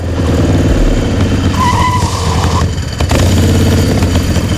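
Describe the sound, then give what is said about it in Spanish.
A motorcycle without an ITV inspection revs loudly, speeding up as it is ridden to La Caleta, then a brief high tire screech as it skids to a stop, with the engine still rumbling afterward. “Cuentan las malas lenguas que el Chano cogió su moto sin ITV y se plantó en la Caleta en menos de lo que canta un gallo.”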